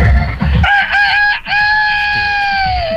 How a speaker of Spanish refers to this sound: ¡Ya cantó el gallo! ¡Ya cantó el gallo!